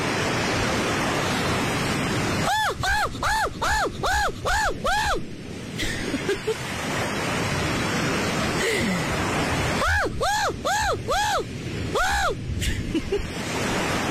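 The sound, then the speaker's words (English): A person imitates a seagull, letting out a quick series of six or seven rising-and-falling yelping cries, then after a pause another similar burst, over a steady hiss of background noise. “So, lads, who's the better gull?”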